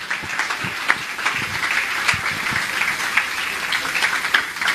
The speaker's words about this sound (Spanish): Esas palmas para nuestro Señor, que llegue hasta la presencia de nuestro Señor.